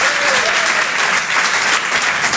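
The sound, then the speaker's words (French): A crowd at the Apollo applauds to welcome comedian Jérémy Charbonnel, dense clapping forming a loud, continuous wash of noise that holds level throughout without pause. “Faites du bruit, s'il vous plaît, pour Jérémy Charbonnel.”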